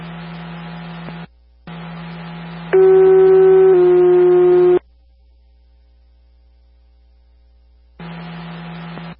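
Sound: radio dispatch alert tones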